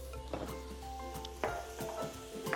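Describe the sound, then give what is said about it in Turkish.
Butter with a little sunflower oil sizzles steadily in a pan, a soft continuous crackle under scattered clinks and scrapes of a utensil stirring against the pan, with no talking. “Birazdan salçayı ve domatesi ekleyeceğiz. Pişirmeye devam edeceğiz.”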